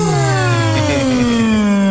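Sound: loud yawn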